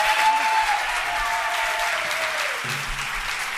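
Steady, dense audience applause fills the whole stretch, many hands clapping at once in a loud continuous wash that eases slightly toward the end.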